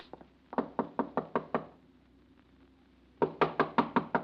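Two bursts of sharp knuckle raps on Mr. Sedgwick's door: about five quick, even knocks, a pause of over a second, then another run of six or so, louder and more insistent. No voices.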